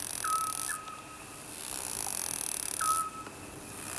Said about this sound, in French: Loin. Comme l'oiseau qui fait.